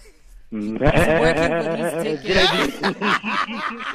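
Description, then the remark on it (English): On 5FM radio, a person imitates a goat's bleat to win X-Fest tickets. The loud, wavering, nasal voice is held for several seconds with a shaky tremolo, breaking into choppier bursts toward the end. “give us another goat sound there.”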